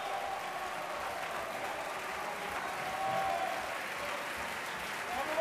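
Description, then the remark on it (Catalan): Sustained, dense applause and ovation from a large opera audience as the soloists return to the stage one by one, loudest for Xavier Anduaga, a steady wash of clapping that swells slightly midway, with faint whistles and shouts of bravo rising above it near the end. “Anduaga, clarament, el més ovacionat de la nit.”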